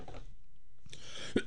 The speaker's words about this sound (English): I'm still here. I just had to cough.